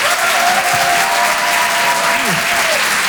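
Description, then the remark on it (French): A crowd applauds loudly and steadily on the Rire et Chanson broadcast as a performer arrives, a dense wash of clapping that holds its level for the full three seconds, with a few faint voices calling out underneath. “Tout le monde applaudir très fort, s'il vous plaît.”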